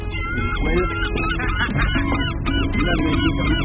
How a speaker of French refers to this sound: Ah, mais ils obéissent, les goélands, dis donc.